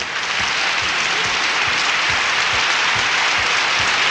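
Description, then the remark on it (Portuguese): Steady, dense applause fills the whole stretch, a continuous wash of many hands clapping at once, fairly loud, with no voices breaking through. “Mais palmas, mais palmas.”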